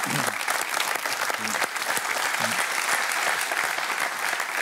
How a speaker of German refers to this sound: Katrin Lotz. Katrin, das ist dein Applaus